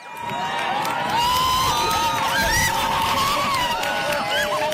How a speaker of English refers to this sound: Crowds cheered when the last of the sun was hidden behind the moon during today's total eclipse of the sun.